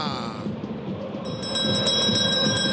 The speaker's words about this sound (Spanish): Sacristán, Sacristán. ¡Tócame la campana!